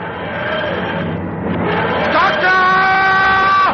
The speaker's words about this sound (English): Odysseus and his soldiers watch in awe as the TARDIS dematerializes.